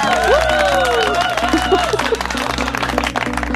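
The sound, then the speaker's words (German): A crowd claps and cheers loudly and steadily for a performer ahead of their upcoming performance, dense clapping filling the background while whoops and high excited voices rise and glide above it. “Da verdienst du schon jetzt, schon vor deinem Auftritt, einen fetten Applaus.”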